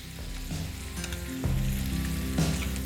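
Chicken, with apricots added, sizzles and fries steadily in a pan while a utensil stirs it so it browns without burning on the bottom, with scraping and clinking bursts over a continuous hissing crackle; no voices.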